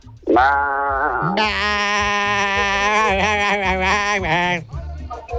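A single long, loud sheep bleat, wavering and quavering as it holds for several seconds before breaking off, with nothing else around it.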